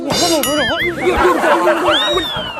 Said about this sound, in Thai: โทรศัพท์ดังแป๊บนึงไม่มีอะไร